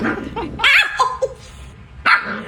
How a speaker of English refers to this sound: Very vicious dog. She's like a killer. She sounds mean.